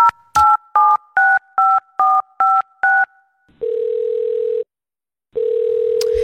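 A rapid run of eight short dual-tone keypad beeps as a phone call is placed from a radio studio, then a steady telephone ringback tone sounding twice with a pause between, clear with no voices.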